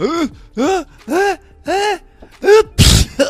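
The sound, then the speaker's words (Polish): A voice acts out a sneeze from a nasty cold: four drawn-out, rising 'ah' build-up breaths, then a loud, sharp noisy burst for the 'choo', clear. “Przepraszam pana bardzo, że panu w twarz kichnąłem, ale mam wstrętne przeziębiuszysko takie, to padło mnie.”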